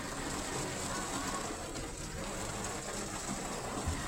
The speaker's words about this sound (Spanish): ¿Y qué creen? Chulada de río en Avenida Ricardo Palacios. Mucha lluvia.